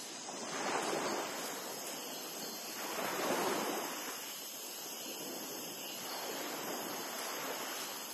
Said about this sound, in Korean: 바닷바람이 빽빽한 관목들을 관통하며 뒤섞이는 이 영역은 긴코너구리에게 이상적인 서식지입니다.